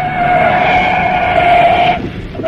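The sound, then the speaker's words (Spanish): A car speeds at full speed along the road toward Liverpool: a loud, sustained tire screech with a steady high-pitched whine holds for about two seconds, then cuts off abruptly before briefly returning, with engine rumble beneath. “Enfilaba el auto a toda velocidad por la carretera rumbo a Liverpool.”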